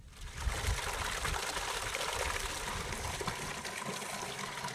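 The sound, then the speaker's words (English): Water pours and gushes in a steady, unbroken stream at the Asma well, a desert well with slightly sulfurous water where a camel herd drinks, splashing at an even, moderate level for several seconds, with no voices. “herd gathers strength at the Asma well. Its slightly sulfurous water makes a nourishing meal.”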